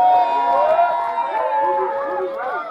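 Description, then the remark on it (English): A crowd cheers loudly and steadily for the bass player, for nearly three seconds, many voices whooping and yelling at once in overlapping, rising and falling tones, with possible clapping mixed underneath. “Give it up for the bass player, … over there. Give it up.”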